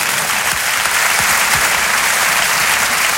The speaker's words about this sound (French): On applaudit l'artiste.